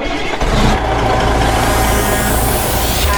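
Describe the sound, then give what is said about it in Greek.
A car engine starting sound effect: a loud engine cranks and catches, then settles into a steady, rumbling idle with a rising whine, continuous with no voices. “Κάθε φορά που βάζω αυτό το ηχητικό εντωμεταξύ νιώθω όλες και βάζω μπροστά το αυτοκίνητο.”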